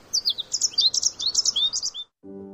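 Birds chirp in a rapid, bright run of high-pitched tweets for about two seconds, then fall silent as a low steady hum comes in at the end.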